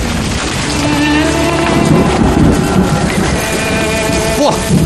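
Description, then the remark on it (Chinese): Heavy rain starts to pour in a dense, continuous hiss that stays loud and steady throughout as people hurry into a teahouse for shelter, with a low droning hum and faint voices mixed underneath. “哇， 哎呀，这么大的雨！”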